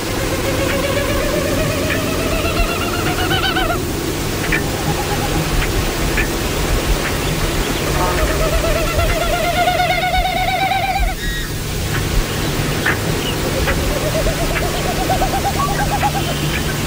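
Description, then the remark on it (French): A Wilson's snipe winnows in flight overhead, air moving over its tail feathers producing rising, pulsing hollow hoots in several long bursts over a steady background hiss, with faint swells that come and go. “on va commencer justement par la bécassine de Wilson. Donc, on peut jouer le son de la bécassine de Wilson.”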